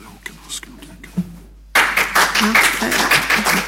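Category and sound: crowd, audience clapping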